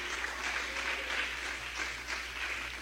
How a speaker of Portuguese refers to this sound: Palmas alegres para Jesus, igreja.